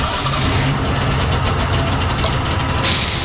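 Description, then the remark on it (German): A Golf car engine turns over in a garage and settles into a steady idle, a low rumbling drone running continuously with a faint rattling texture and no voices. “Ach, Entschuldigung, wie dumm von mir, der Golf ist ja noch aus.”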